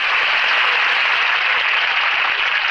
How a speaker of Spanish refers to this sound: Es emocionante. ¡Qué aplauso! Como que son la vida del artista.